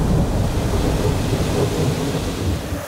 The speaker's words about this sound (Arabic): ما هذا المطر العجيب الذي يمنعنا من التقدم صوب محمد؟